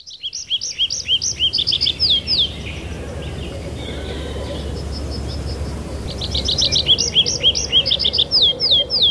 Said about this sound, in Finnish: Sunnuntaiaamassa on koittanut se hetki, kun on aika kuunnella viikon luontoääni. Metsä Kirvisen esittelee ….